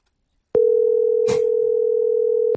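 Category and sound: signal or alarm, telephone dial tone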